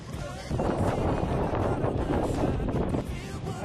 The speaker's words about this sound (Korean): 괜찮은데 바람이 불고 있어요.